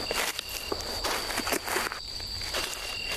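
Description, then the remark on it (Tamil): Crunching footsteps tread steadily along a rough, uneven path through a dense forest, each step a brief scuffing burst in an irregular walking rhythm, with a thin steady high-pitched tone running underneath. “இங்க நம்ம நடந்து போயிட்டு இருக்கிற பாதையே கரடு முரடா இருக்கே.”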